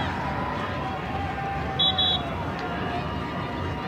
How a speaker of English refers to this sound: Whistle from the center ref, Matthew Corrigan, to get things sorted on the back post. Between a couple of Royals and Portland Thorns players.